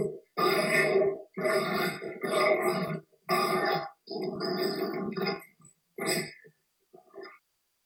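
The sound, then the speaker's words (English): Adopted dogs grunt and growl in a string of rough, throaty bursts, about six of them with short pauses between, fairly loud, tapering off into a couple of softer snorts at the end. “Adopting dogs is one of the best decisions I've ever made. Listen to these clowns.”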